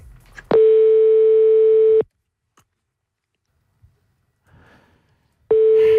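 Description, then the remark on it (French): A phone line's ringing tone while a call to the grocery La Corbeille d'Orient connects to place an order: a steady, mid-pitched electronic tone lasting about a second and a half, a long silent pause with faint clicks, then the tone starting again. “J'appelle.”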